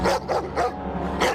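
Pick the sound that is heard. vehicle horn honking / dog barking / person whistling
dog barking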